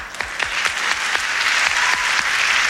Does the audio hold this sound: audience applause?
yes